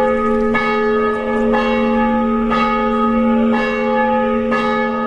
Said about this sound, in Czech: Zvono hrama posvećenog prazniku rođenja Presvete Bogorodice u gradiću 20 km severno od Segedina pozivalo je svoje odane vernike iz mesta, a njegov odzvon čuo se i u pomoriškim naseljima, prvenstveno u Novom Svetom Ivanu, Segedinu